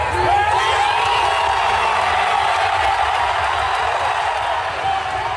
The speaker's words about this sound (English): And cheering has erupted in Manhattan as the New York Knicks made an extraordinary come-from-behind victory over the San Antonio Spurs.